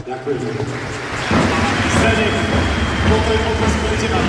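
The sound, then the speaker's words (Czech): Arena crowd applause at Zdeno Chára's farewell match in Trenčín, a final round of applause for a guest who could not attend: a dense wash of clapping that swells louder after a second and stays steady and full, with scattered voices mixed into the roar. “Rádi bychom vás poprosili o poslední potlesk pro jednoho z našich hostí, který se nemohl dostavit.”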